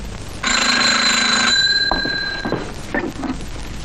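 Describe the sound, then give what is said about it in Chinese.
A telephone rings with a bright, buzzing electric bell tone lasting about a second, its harmonics fading out, followed by brief clicks and handling sounds of a receiver being picked up; it is the telephone of the secretary-general of the Southwest Command Headquarters. “喂，是啊， 西南长官公署秘书长电话。”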